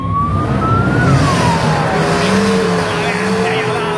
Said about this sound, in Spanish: Ese me parece que es el Mustang. Bueno. Qué lindos motores esos autos, ¿no?